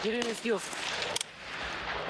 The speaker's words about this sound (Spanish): Las armas siempre con el seguro puesto. Repito. Disparo. Pongo el seguro. Me muevo.